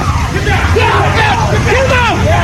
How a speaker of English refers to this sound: There you saw what happened, the crowd calling to the president as he emerged from the Washington Hilton Hotel.